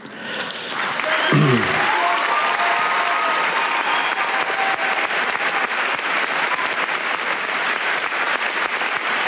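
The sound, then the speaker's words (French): Sustained, loud applause from a large crowd at the 79th Cannes Film Festival as the Palme d'Or goes to Christiane Mundiou; dense, steady clapping that swells within the first second and holds evenly throughout, with faint voices and cheers mixed in. “Christiane Mundiou sous les applaudissements Palme d'Or donc de cette 79e édition du Festival de Cannes.”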